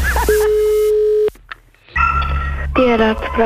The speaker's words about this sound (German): Das Telefon.